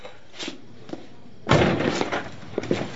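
A door slams shut with a sharp, loud bang partway through, followed by a rattling rumble as it settles, preceded by a few faint knocks and shuffles.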